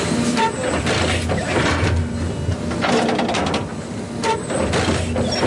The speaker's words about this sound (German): Alle paar Sekunden fährt das Müllauto-große Gerät ein ganz klein bisschen weiter und sticht mit einer Reihe Nadeln in den Rasen vom Europaparkstadion.